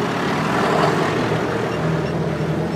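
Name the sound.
tractor driving away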